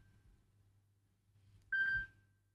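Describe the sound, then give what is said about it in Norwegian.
A single short burst of a high electronic telephone ring, loud and steady-pitched with a buzzy edge, over a constant low hum, with a faint tone at the very start. “Det ringer, det ringer.”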